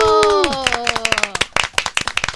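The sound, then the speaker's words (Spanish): A group claps enthusiastically in a dense burst of applause, starting under a fading voice and continuing as quick, irregular hand claps, welcoming guest worship musicians to the studio of the Minuto de Dios radio station. “Recibámoslos con un fuerte aplauso.”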